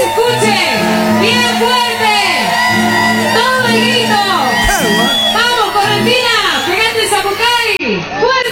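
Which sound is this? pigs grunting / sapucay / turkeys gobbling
sapucay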